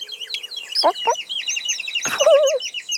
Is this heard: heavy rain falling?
no